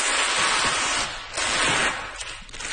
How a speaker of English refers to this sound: So unwrapping a Monet. Yeah. Just going to lift it to where it's going on the wall. I'm going to get the sounds of the unwrapping, actually. It's quite a nice paper tape sound.